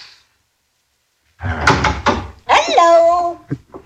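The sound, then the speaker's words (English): After a moment of silence, a door opens with a rattling clatter and thump as someone enters, followed by a brief, tonal vocal sound with a rising, wavering pitch. “And well, now, oh, I should have knocked and called out.”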